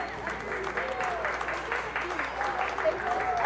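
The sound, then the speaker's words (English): A baseball stadium crowd claps together in a steady, rhythmic beat in the ninth inning as the Yard Goats are down to their final strike against the Rumble Ponies; the unison claps repeat quickly and evenly while a voice talks faintly over the top. “The fans that are still here clapping in unison.”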